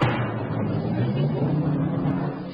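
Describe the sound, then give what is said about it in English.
A steady, rumbling drum roll on a timpani (kettle drum) holds at an even loudness for a couple of seconds, deep and booming, with no voices over it, signalling the rise of the curtain. “The rise of the curtain will be signified by a roll on the timpani.”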